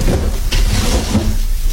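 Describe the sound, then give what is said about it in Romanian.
Empty wooden drawers scrape open and shut as they are searched, with a couple of sharp knocks amid a steady sliding rumble, no voices. “Sertarele sunt goale. Și ăsta e gol?”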